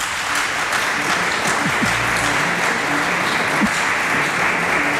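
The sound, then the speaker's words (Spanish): Sustained audience applause for Alberto Aparici at a celebration of the grape harvest festival (fiesta de la vendimia), a dense, steady wash of many hands clapping at even loudness for about five seconds, with no voices standing out. “Maravilloso que le dé un fuerte aplauso a Alberto Aparici.”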